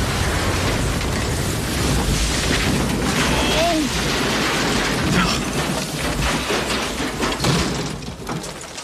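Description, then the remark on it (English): A small plane crashes into a plowed field and noses over: a loud, sustained roar of crunching, scraping impact noise with heavy thuds and rattles that churns on for several seconds before easing slightly. “The plane nosed over when it hit the plowed field?”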